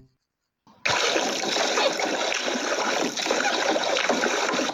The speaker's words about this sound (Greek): Με το που το ακούω, καταλαβαίνω ότι είναι νερό. Ακούω όμως και κάποιους ήχους σαν πλατσουρίσματα, κάποια παιδιά να παίζουν. Οπότε μήπως βρισκόμαστε στη θάλασσα? Ακριβώς, βρισκόμαστε στη θάλασσα